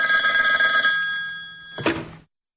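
An old-style telephone bell in an office rings loudly and steadily with a bright metallic clatter for about two seconds, then cuts off with a short clunk as the receiver is picked up.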